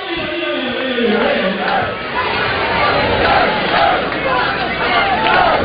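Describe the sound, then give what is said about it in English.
A big crowd at Kentucky Proud Park cheers loudly for Kentucky during a baseball game, a dense, sustained roar of many voices with shouts and whoops rising and falling in swells across the whole stretch. “Loudest the crowd's been so far today for Kentucky here at KPP, Kentucky Proud Park.”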